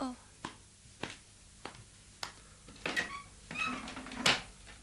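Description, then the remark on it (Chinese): A door is opened: a few sharp wooden knocks and clicks in a loose rhythm, then a louder cluster of creaks and rattles as it swings, with faint voices underneath. Someone opens the door to see who has been knocking. “等我开门睇下咧。”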